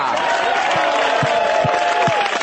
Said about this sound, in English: It's a bit self-centered, isn't it? You clap a little harder for yourself than for the show host.